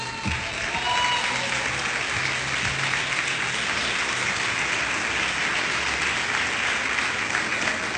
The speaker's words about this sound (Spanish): Y ahí en su asiento sostenga su Biblia y damos palmas de alabanza al Señor.